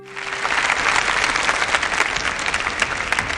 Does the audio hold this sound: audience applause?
yes